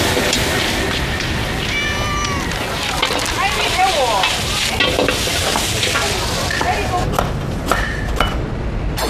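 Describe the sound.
A loud, steady sizzle of food being stir-fried in a hot wok fills the whole recording, with brief voices and scraping sounds rising above the hiss now and then.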